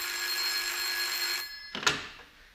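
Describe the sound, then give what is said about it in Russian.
A telephone on a telephone table in an office reception rings with a steady, shrill metallic trill, then cuts off abruptly. A brief clatter follows as a secretary picks up the receiver. “Девушка-секретарша, пробегая в очередной раз мимо телефонного столика, машинально схватила какую-то трубку.”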